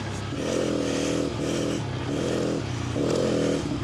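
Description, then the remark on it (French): A motorcycle engine drones loudly while being ridden on ice, its pitch swelling and easing in repeated surges as the rider throttles on and off, with a rough scraping hiss underneath; it is the rider's first laps on ice and the bike moves around a lot. “Dans la moto, elle bouge de partout.”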